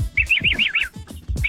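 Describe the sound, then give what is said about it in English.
A quick run of five bright, high chirps in rhythmic succession, then a short pause and another chirp, like a bird tweeting over a muffled, thumping background. “Sounds like a bird.”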